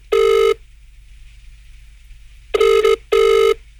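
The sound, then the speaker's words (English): A telephone ringback tone heard on an outgoing call to Parmelia: three loud electronic rings with a steady buzzing pitch, one then a pause and a quick double ring, with a faint hum between. “So let's make a phone call to Parmelia.”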